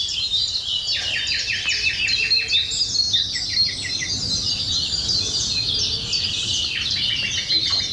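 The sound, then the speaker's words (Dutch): Busy outdoor birdsong from a wood pigeon, great tit and nightingale in the Stijnse Groen in Gouda, several birds singing at once: rapid repeated chirps, trills and whistled phrases continuing throughout, over a steady low background hum and no talking. “En Sjaak Witteveen, die nam deze geluiden van houtduif, koolmees en nachtegaal op in het Stijnse Groen in Gouda.”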